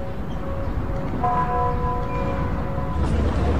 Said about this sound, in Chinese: 经过2个多月的努力，这首数字版的东方红钟声终于在奥运会开幕之前调试到了最佳状态。